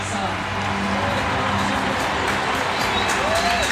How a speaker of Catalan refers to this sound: Escolteu l'ovació de l'Ullevall Stadion a les jugadores del Barça.